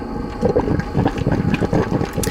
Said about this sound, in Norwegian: Vad var det här? Det var en kaffetrakter. Det var det, vet du.